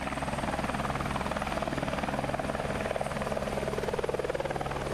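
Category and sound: vehicle, helicopter flying overhead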